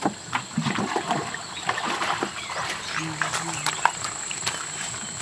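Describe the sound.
Water splashes and sloshes repeatedly in irregular bursts as fishermen rinse off their long, narrow boats at the water's edge of the Mekong River in northern Thailand, with faint low voices and outdoor ambience in the background.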